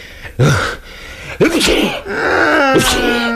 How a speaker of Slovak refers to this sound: Len smrkáš.